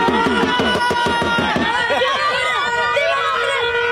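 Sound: car horns honking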